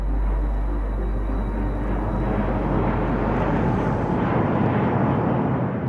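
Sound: airplane flying overhead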